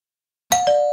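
A two-tone doorbell chimes after a moment of silence, a bright higher ding quickly followed by a lower dong that rings on and sustains, clear with no voices.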